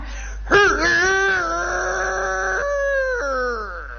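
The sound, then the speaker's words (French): A person imitates a rooster crowing: one loud, drawn-out cock-a-doodle-doo with a rising start, a long held middle and a falling tail, with no other sounds. “Je voudrais que vous nous imitiez au moins une fois le cri du coq, tel que vous l'avez fait en 1910 sur la scène de la Porte Saint-Martin.”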